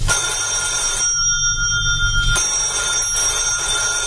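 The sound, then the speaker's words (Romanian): An old telephone bell rings in repeated bursts with brief pauses between them, loud, its bright metallic trill standing out over a low background rumble. “da, Coniță, răspunde la telefon.”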